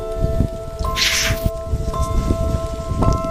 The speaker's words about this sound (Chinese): 听，这是大熊猫的呼吸声。